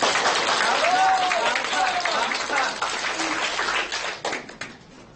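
A classroom full of students claps in dense, steady applause for several seconds, with a couple of brief high whoops early on, before the clapping thins out and fades.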